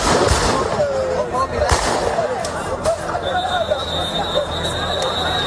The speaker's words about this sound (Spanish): en la que está Ceuta después de que la Policía Nacional haya intervenido con disparos al aire para evitar una avalancha de un grupo de ilegales en el asentamiento de Loma Colmenar. Así sonaba este momento.